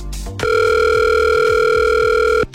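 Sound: telephone dial tone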